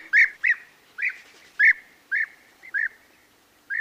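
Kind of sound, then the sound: bird, european bee-eater call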